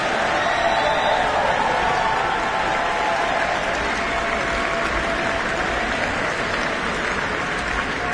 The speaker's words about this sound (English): Please, big round of applause for everyone involved in tonight.